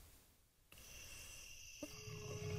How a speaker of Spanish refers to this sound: Entre la selva y las estrellas, en la penumbra de la noche, su rugido resuena en el tiempo. La huella del jaguar.